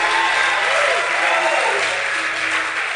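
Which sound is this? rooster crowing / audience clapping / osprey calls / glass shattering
audience clapping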